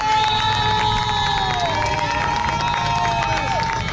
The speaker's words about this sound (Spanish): Por este paseo, lo estáis escuchando, circulan continuamente policías, militares, servicio de limpieza y cuando les ven, los aquí congregados, les aplauden.